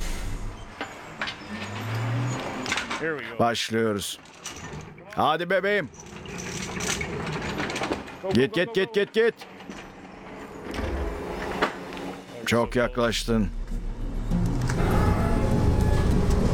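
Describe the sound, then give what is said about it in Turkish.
A heavy machine's engine rumbles and surges, shifting and braking with hissing bursts as it rocks back and suddenly releases its brake to make a log hop over obstacles, while a few people call out over it; the engine swells louder near the end. “Ve makinenin geriye gidip freni aniden kesmesiyle kütüğün engellerin üzerinden atladığını görürsünüz.”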